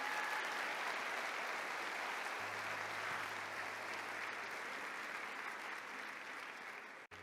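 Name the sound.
audience applauding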